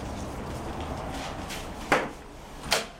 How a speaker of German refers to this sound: öffnet die Tür des Goethe-Instituts in Lissabon und läuft ein paar Treppenstufen hinunter.